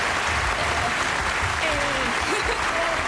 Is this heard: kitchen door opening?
no